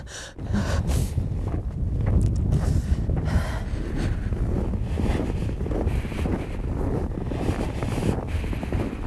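Strong, steady, cold wind blowing off a glacier across open ground surrounded by valleys, at about -9 degrees, spinning a wind turbine; it roars and buffets the microphone for the whole stretch, a loud low rumble with gusty surges and no voices.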